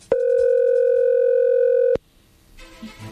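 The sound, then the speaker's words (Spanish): A telephone call being dialed rings out: one steady, mid-pitched electronic ringing tone holds for almost two seconds, cuts off abruptly, and is followed by quiet with faint rustling near the end. “Bueno, a ver, ya no haga ruido, ahí se está marcando, ¿ok?”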